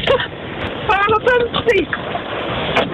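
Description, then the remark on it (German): Dense, steady roar of heavy rain and hail drumming on a car roof, heard from inside the car during a thunderstorm, fills the whole recording loudly, while a couple of voices briefly exclaim over the noise. “Die …, die hat sich gestern beim Hagel aus dem Auto gemeldet”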